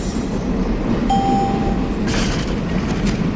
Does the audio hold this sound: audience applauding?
no